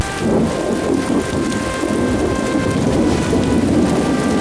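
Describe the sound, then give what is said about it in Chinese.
Heavy rain pours down steadily and loudly, a dense hiss with a deep rumble of thunder rolling underneath, continuing without a break and with no voices. “下雨了，参谋，下了很大的雨啊。”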